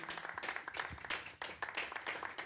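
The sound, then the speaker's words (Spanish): An audience claps for the Lord together in a dense, sustained burst of applause, many hands overlapping into a steady crackling wash with no one speaking. “Amén, démosle palmas al Señor, aleluya.”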